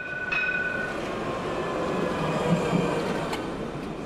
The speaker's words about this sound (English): Barcelona tram, a decidedly older version than today's.